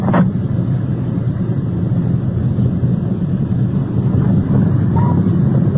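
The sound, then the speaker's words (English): A police car drives slowly along with a steady engine rumble and road noise, the low drone holding even throughout as it swings into the circular driveway of a bar; no one speaks. “Swinging into the circular driveway of the bar.”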